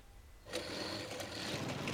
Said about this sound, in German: Hey, sein Motorrad springt nicht an.